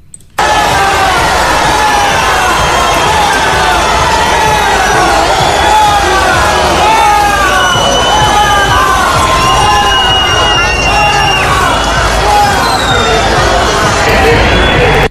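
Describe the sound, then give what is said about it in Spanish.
A large crowd cheers and claps continuously for King Felipe and Queen Letizia of Spain as they greet citizens, with many overlapping voices shouting and whooping in rising and falling bursts over a steady roar of applause. “Los aplausos y la satisfacción por ver a don Felipe y a doña Leticia de cerca contrastaban con los abucheos recibidos por la delegada del gobierno.”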